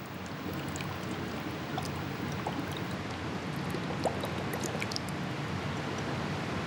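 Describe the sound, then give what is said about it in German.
Steady watery bubbling and gurgling as hydrogen gas, made by dripping hydrochloric acid onto zinc, is led through a hose into water and collected in a test tube under water: a continuous burbling wash with scattered small pops and splashes, fairly even in level, with no voices. “Über einen Schlauch leitet der Chemiker das Gas zunächst in Wasser, wo es dann in einem Reagenzglas unter Wasser aufgefangen wird.”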